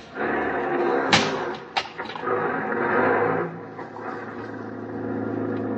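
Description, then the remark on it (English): A taxi door slams shut with a sharp thud, followed by a second quieter bang, then an engine hums steadily as the taxi pulls away and drives off. “Outside, I hailed a taxi. This time, I was lucky. I got one. Hop in, mister.”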